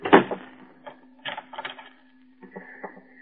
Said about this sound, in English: Why have you locked the door? I don't want to be interrupted.